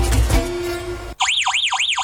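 A loud Verisur home security alarm, triggered by detecting an intruder, wails in rapid, repeating up-and-down sweeps, each cycle lasting about a third of a second, cutting in sharply right after a brief wash of dense noise.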